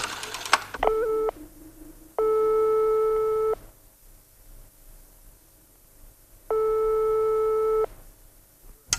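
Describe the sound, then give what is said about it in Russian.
A telephone line tone after dialing from a coin payphone booth: a steady, buzzy mid-pitched tone sounds in long bursts separated by silent gaps, following a brief click at the start. No voices. “Он забрался в раскаленную духоту будки, опустил монету и набрал номер.”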